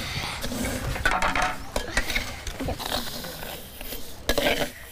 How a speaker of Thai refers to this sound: โอเคหม้อปิดฝาเลย